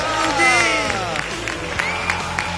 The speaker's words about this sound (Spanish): Amigo, ¡fuerte el aplauso para Luca Blondel!